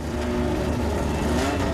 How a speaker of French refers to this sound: Une McLaren 12C équipée d'un V8 biturbo de 3,8 litres, développant pas moins de 616 chevaux.